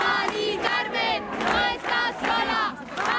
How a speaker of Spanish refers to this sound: arropada también por los gritos de cientos de ciudadanos en la calle.